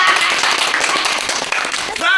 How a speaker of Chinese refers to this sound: 鼓掌